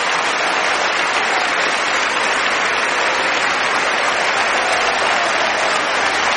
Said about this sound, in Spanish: Dale fuerte esas palmas al Rey. Te adoramos, Señor.